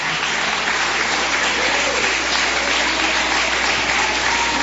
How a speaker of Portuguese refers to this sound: Vamos receber o homem de Deus aplaudindo e glorificando Jesus.